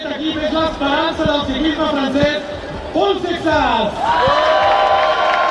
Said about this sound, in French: Premier Tour de France et déjà une vedette à l'applaudimètre lors de la présentation des équipes jeudi à Barcelone.